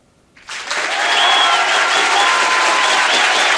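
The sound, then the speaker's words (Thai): A burst of sustained applause on a Thai radio show, LTM FM 95 of the Mcord Radio Network, begins after a brief quiet moment, many hands clapping loudly and steadily in a dense, even wash that holds through to the end. “ต้องมาพร้อมกับเสียงปรบมือนะไม่งั้นไม่ใช่พิมดาตัวจริงนะคะ”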